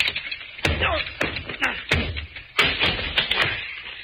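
A locked door being broken down: a series of heavy thuds and cracking blows land at uneven intervals, about seven impacts over a few seconds, with rattling and scraping between them.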